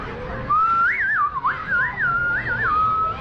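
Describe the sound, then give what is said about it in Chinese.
A person whistles a lilting, warbling melody imitating an oriole's song, with quick rising and falling trills and short held notes, clear and fairly loud against faint background noise. “你看我学的黄鹂鸟儿像不像啊？”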